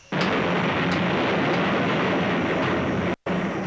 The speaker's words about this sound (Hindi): तभी बादलों की तेज गड़गड़ाहट, दहाड़, पत्थर टकराने की भयावह आवाजें आने लगती हैं।